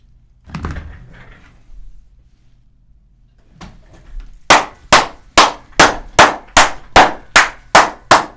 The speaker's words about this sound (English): You're a loud clapper. It's a thunder clapping contest.